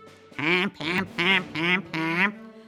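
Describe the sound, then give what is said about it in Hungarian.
A goose and a duck call together in five loud, nasal, evenly spaced quacking honks, each about a quarter second long, with no talking. “Úgy gondolták, ha ketten énekelnek egyszerre, akkor ez a furcsaság majd mosolyt fakaszt a királylány mosolytalan arcára.”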